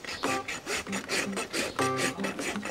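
A farrier rasps a donkey's hoof, rasping it down overall to give it a good toe direction, in quick, steady back-and-forth strokes, about ten harsh, gritty scrapes, each with a faint squealing edge, loud and continuous throughout.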